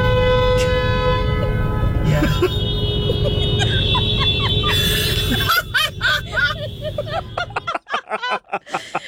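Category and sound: vehicle, car horns honking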